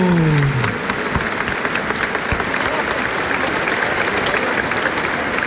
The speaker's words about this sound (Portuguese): Uma salva de palmas, bem forte, bem bonito.